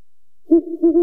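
An owl hoots, a low, clear, mellow call that swells in, wavers briefly, then rises again in a couple of loud pulses with no voices around it.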